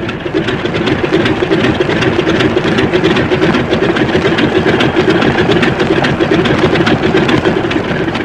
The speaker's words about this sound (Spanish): La pequeña avioneta se estremeció cuando Calimán aumentó la presión de aceleramiento. Oprimiendo el pedal del freno, buscaba ganar la mayor potencia del aparato.